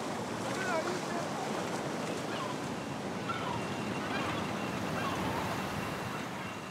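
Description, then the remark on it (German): Steady sea surf washing continuously as two young oxen wade in to get their hooves wet, a broad rushing wash of water with a touch of wind, holding an even loudness throughout with no clear breaks. “Zweite Übung, Hufe nass machen. Die beiden Jungochsen gewöhnen sich nur langsam an das Meer.”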